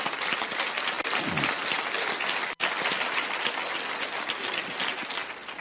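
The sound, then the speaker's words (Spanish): An audience claps for the Lord, a dense wash of applause that holds at a constant level throughout, with a brief dropout partway through and no voices over it. “Sí, aplauden al Señor si quieren, ¿verdad?”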